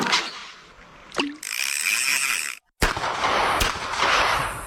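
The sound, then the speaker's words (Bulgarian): Several sharp bangs cut through a noisy, crackling background, followed by the plop of a fishing sinker dropping into water. One brief silent gap falls between the bursts, and no one speaks. “А така, сега след като чу гърмежите и заветното цопване на въдичарската тежест във водата, можем ли да започваме?”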